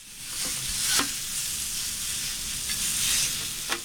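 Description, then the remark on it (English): Food sizzles steadily on a hibachi grill cooked out of the trunk of a car, a dense crackling hiss with a few sharper pops and scrapes of a spatula breaking through. No one speaks. “He makes hibachi on a grill, but with a very unique twist.”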